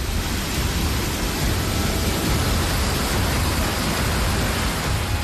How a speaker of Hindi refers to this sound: घरों के बाहर से गुजरती इस बेकाबू धारा के सामने इंसान बेबस नजर आ रहा है। कहीं कमर तक पानी भर गया है तो कहीं तेज बहाव ने रास्तों को पूरी तरह बंद कर दिया। पानी का शोर इतना भयानक है कि उसे सुनकर ही दिल दहल जाए।